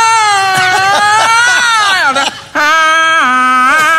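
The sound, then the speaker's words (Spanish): A voice wails in exaggerated mock crying, loud, with long quavering sobbing tones that rise and fall, breaking briefly before resuming the theatrical weeping, imitating alarm clocks crying at a funeral in a joke. “Todas las alarmas llorando.”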